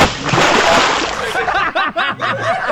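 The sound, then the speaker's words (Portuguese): A loud splash of a bucketful of water being thrown, a broad rushing burst lasting over a second, followed by short bursts of voices that sound like chuckling. “Tá dado o balde de água aí, tá dado.”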